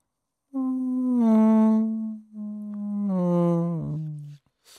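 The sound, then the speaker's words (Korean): A voice imitates a mosquito's whine with a sustained, nasal buzzing hum, held in two long stretches separated by a brief break, the pitch steady and slowly sinking. “모기 소리 할게요.”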